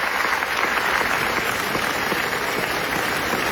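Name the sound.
standing ovation applause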